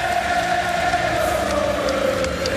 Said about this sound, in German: Das ist dann noch das Töpfchen auf dem I, oder? Wenn alle zusammen ein Lied singen, das alle kennen. Ja, das ist sicher einmalig.